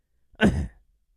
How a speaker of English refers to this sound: Sometimes I just have to clear my throat, and you know, kind of sounds a little bit like that. So let me clear my throat once more.